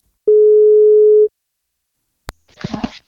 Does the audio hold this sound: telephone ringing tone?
yes